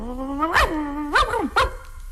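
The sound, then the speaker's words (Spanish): A skinny, flea-ridden dog gives three sharp barks spaced about half a second apart, with a thin whining tone drawn out between them and no voices. “O uno flaco, tilico y pulguiento.”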